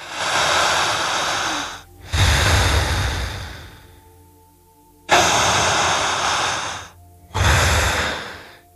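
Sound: slow deep breathing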